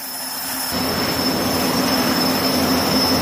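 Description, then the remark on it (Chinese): Shipborne helicopters taking off and landing in multiple waves on the deck of the ship Anhui give off a loud, steady turbine roar with a thin high whine. The noise swells within the first second and then holds continuous, with no voices. “舰载直升机多波次起降的同时”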